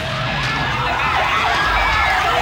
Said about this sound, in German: In den 90ern hat der gleich mal Alarmsirene draufgekriegt.